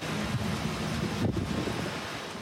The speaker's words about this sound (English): And how about this? This massive system making its way through Medicine Hat. Sheets of rain and wild winds pounding the area.